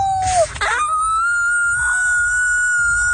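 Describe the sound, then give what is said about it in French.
Franco-Ontarian students imitate wolf howls for the Festival du loup: a brief noisy burst, then a long, steady high-pitched "ooo" held for several seconds, with fainter overlapping voices joining the sustained howl. “Les élèves franco-ontariens qui font leur meilleur hurlement de loup.”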